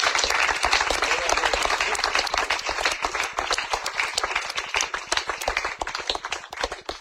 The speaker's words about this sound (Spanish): Denle ese fuerte aplauso.